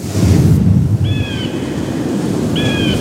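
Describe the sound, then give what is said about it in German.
The speaker's own falcon gives two drawn-out, high, thin calls about a second and a half apart at a rock face in the Allgäu, over steady rushing wind or surf noise, with no one speaking. “Da ist er wieder.”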